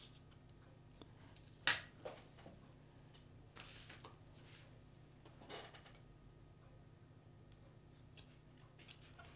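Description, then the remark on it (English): A few brief, crisp rustles and taps of many little pieces of paper with information being handled, one sharper crinkle early on, then softer scattered shuffles over a low, steady background hum with no talking. “Got so many little pieces of paper here giving me some information.”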